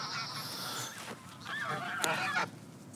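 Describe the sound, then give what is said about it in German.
Several geese honk in an agitated, overlapping chorus while being chased by a dog, with harsh calls rising and falling over a few seconds outdoors, no speech. “Oh, jetzt kommt der Hund, der jagt die.”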